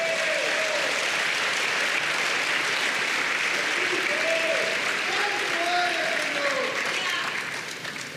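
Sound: audience clapping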